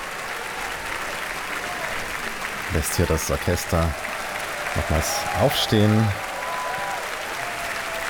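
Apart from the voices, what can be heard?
heavy applause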